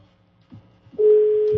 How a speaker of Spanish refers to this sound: Sonando el teléfono del tornado.